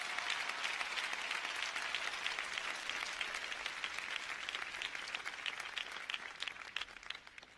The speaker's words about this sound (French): Derrière tout homme, il y a une femme. Je vous demande d'applaudir la première dame, Madame Martine Moïse.